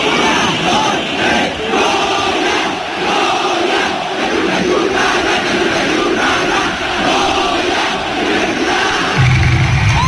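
At the end of a football match, a large crowd of fans, led by Efraín Juárez, roars out the Goya chant together, a loud, dense wall of rhythmic shouting that stays steady and strong throughout, ending in a deep low rumble.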